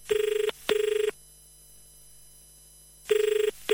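A telephone rings with a classic double-ring pattern: two quick buzzing bursts, a pause of silence, then the next pair starting. Clear and loud, with no voices.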